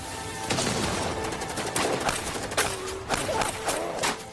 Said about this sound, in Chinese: 忽然机枪声响起来，美军士兵在陈彦宗的机枪扫射下纷纷倒了下去